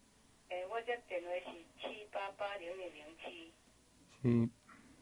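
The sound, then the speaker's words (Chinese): A telephone rings with a repeating, melodic tone in several short bursts, clear, followed by a louder, brief burst near the end. “啊，电话咧。”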